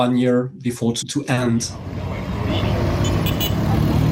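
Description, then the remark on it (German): A voice talks briefly at the start, then a steady wash of street traffic takes over on the streets of the provincial capital Bunia, with engines rumbling and a constant roadway hum filling the background. “Auf den Straßen der Provinzhauptstadt Bunia sind viele Menschen verunsichert.”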